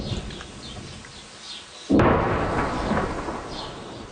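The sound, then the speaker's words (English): A quiet outdoor hush with faint high chirps breaks with a sudden deep boom from a distant explosion in southern Lebanon as Israeli troops push against Hezbollah strongholds, followed by a long rolling rumble that echoes and slowly fades. “Those distant explosions echo across the south as Israeli troops push deeper into the country to target Hezbollah strongholds.”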